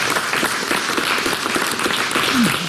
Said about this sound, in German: Ja, Applaus wert.